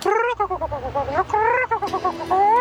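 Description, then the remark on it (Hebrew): A human voice imitates a rooster crowing on a radio show, with a series of loud, wavering calls that rise and fall in pitch, ending in a longer drawn-out crow. “תוכנית הערב, איזו תוכנית חייתית. תרנגול.”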